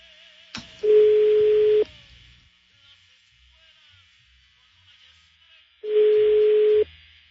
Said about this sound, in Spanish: A ver, estoy marcándole este ruco, pero no contesta, güey.